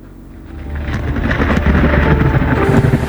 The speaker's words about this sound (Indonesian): Biasanya, petir muncul saat sedang terjadi hujan deras. Petir adalah kilatan listrik di udara yang disertai bunyi gemuruh karena bertemunya awan yang bermuatan listrik